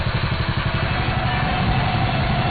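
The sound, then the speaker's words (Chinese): A go-kart driven across the Gobi desert toward the rising sun, its small engine running steadily, a continuous buzzing drone with a fast low putter underneath, holding an even loudness throughout with no voices. “此刻他们父女俩开着卡丁车在戈壁滩上朝着朝阳升起的方向奔驰着。”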